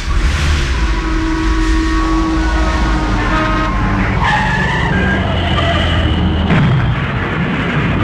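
Car tires screech loudly and continuously as a car skids on a slippery road, with shifting squeals over heavy road and engine rumble and a rough, jolting crash near the end, with no voices.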